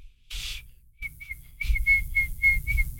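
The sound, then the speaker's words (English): A person attempts a catcall whistle, producing a breathy rush of air followed by a string of thin, wavering whistle tones that keep breaking up, with no talking. “I've never been good at whistling.”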